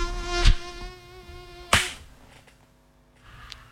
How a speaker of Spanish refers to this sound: Muchachos, muchachas, yo soy del instinto felino en el que no me vuelvo a acostar hasta que ese zancudo pasó a mejor vida.